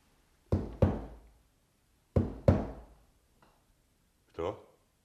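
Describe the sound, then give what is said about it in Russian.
A lad knocks on a roof in two quick, sharp pairs with a short pause between them, followed by a brief voice at the end. “А в общем, ты, парень, ничего, исправно в крышу постучал.”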